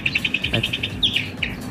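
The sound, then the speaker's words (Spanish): Small birds chirping in a played audio recording: a quick, even run of high, bright chirps followed by a few longer rising notes, steady, with no voices. “Mira los pajaritos.”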